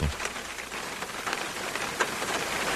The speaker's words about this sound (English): That's rain. That's rain. Yeah. Not a sweet sound? That's rain. No, I haven't heard that sound in 4 months.